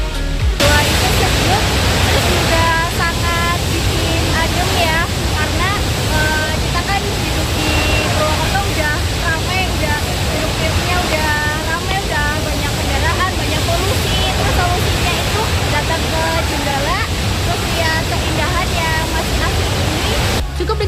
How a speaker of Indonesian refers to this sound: Curug Jenggala juga punya keunikan tersendiri, di mana ketiga air terjunnya memiliki tinggi yang sejajar dengan aliran sungai nan jernih berbatu